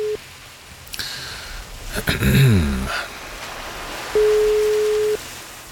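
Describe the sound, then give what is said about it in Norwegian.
A telephone ringback tone while a call is placed to someone in Braskereid Foss: a steady mid-pitched beep lasting about a second, heard clearly with a long pause before it, and a brief clip of one at the start. Line hiss and rustling noise fill the gap. “La oss høre om han tar telefonen og hvordan det i Braskereid Foss i dag.”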